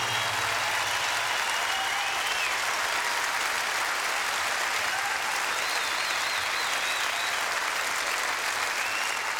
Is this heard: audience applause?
yes